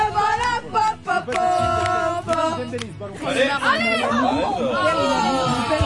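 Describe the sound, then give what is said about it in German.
A group of French students, as football fans, cheering in a bar at Frankfurt station while watching the World Cup quarter-final between France and Morocco: a loud, continuous crowd of voices shouting and chanting together, with rising and falling sung tones swelling through the second half. “Und so klingt das, wenn Les Bleus ihre Equipe anfeuern.”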